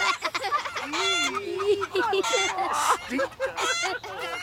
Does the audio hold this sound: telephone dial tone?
no